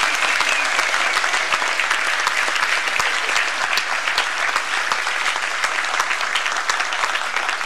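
An audience applauds newly ordained pastors of the Svenska Alliansmissionen (Swedish Alliance Mission), many hands clapping in a dense, sustained wash of sound that stays loud and even from start to finish.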